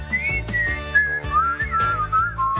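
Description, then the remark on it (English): A high, bright whistled melody glides and wavers over a bouncy instrumental backing, like playful cartoon creatures whistling in a cheerful, sing-song tune: the wild whistling Frechettas of Razzle Flavin Island, observed at their dining. “when he goes to Razzle Flavin Island and observes the dining habits of the wild whistling Frechettas.”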